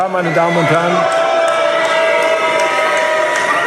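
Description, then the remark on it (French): A large crowd of union members boos loudly and steadily, a dense wall of low jeering voices with scattered shouts and sharp accents over the din, running without a break for several seconds. “Les huées des syndicats en disent long sur les tensions qui règnent à Berlin”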